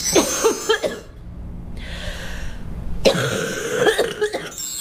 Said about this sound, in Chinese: 有一种 气道 粘稠感。 对，它气道里有那种黏黏的痰，所以它咳出来可能有点痰鸣的声音。 咳嗽声带有痰音的很好区分。